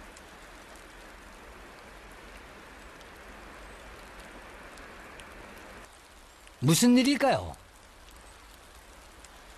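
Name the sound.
rain falling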